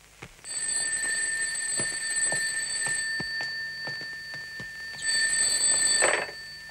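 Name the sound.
telephone ringing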